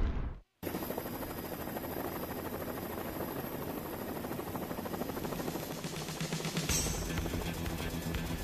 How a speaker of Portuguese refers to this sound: Helicóptero chegando, pedindo permissão para pouso com o homem da cultura. Câmbio.